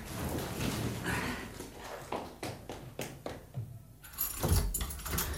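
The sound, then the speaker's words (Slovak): A small bunch of changing-room keys jangles and clinks repeatedly in bursts, with metallic rattles continuing throughout and no one speaking. “Tam sú kľúčiky od šatne.”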